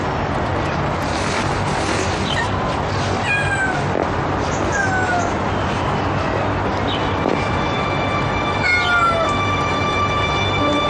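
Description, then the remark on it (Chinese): A cat meows several times in drawn-out, rising and falling calls over a steady background hum, fairly clear, with no one speaking. “他能听懂猫说话”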